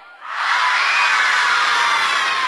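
A large audience in Sofia shouts together in unison, a loud sustained roar of many voices that rises quickly after a brief quiet start and holds steady, the crowd calling out on a count of three which town a singer is from.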